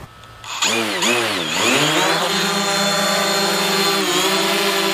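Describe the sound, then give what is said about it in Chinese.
An aircraft engine starts up with a high motor whine that wavers in pitch as it spins up, then settles into a steady, loud, continuous buzz. The aircraft is started to view a tomb excavation site from high above. “好，飞机已经启动了。”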